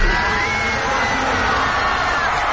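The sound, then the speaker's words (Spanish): A huge crowd of about 50,000 people at a concert in the Olympic Stadium in Barcelona, Spain, roars and cheers continuously, with scattered whoops and shouts rising above a dense, steady wall of voices. “En Barcelona, unas 50.000 personas han vibrado en el Estadio Olímpic al ritmo de”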